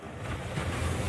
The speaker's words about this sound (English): This hardly sounds groundbreaking, does it? But it's the sound of wave energy that could power a multi-billion dollar blue economy. UWA researchers in Albany have turned ocean waves into electricity to help WA's progress in renewable energy.